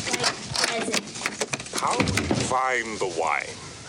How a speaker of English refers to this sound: At a wooden door, he places his pack on the ground and retrieves a metal trinket holding a key and a black and white picture of a woman. He unlocks the door.